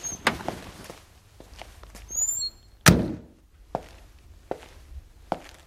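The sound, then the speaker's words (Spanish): A person stops at a crossing and gets out of a car on the empty Gran Vía at 10:05 in the morning: the car door clicks open, followed by a few shuffling movements and a solid thud as it shuts, then a handful of sparse footsteps on the pavement of the deserted street. “Sale del coche.”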